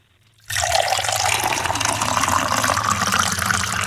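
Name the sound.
water poured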